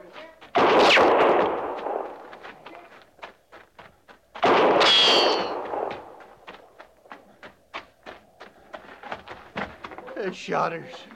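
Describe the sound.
Gunfire in a firefight: two heavy, booming blasts that ring out and decay, surrounded by a steady patter of sharp, rapid shots, with a brief voice rising near the end.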